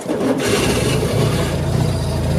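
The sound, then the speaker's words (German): A Citroën 2CV engine runs with a steady, loud, low throbbing rumble and a buzzy rattle on top, holding an even pace throughout with no voices. “Ihr Revival als elektrische Ente Schwierig für echte Entenfans, denn die erkennen ihre Original-Duchevaux am Sound.”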